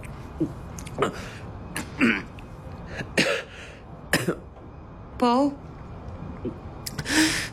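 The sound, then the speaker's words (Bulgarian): A person chokes on hard candied fruit, letting out a string of harsh, sputtering coughs and throat-clearing bursts at an uneven rhythm, with a brief spoken word breaking in between the fits. “Внимателно, задави ли се?”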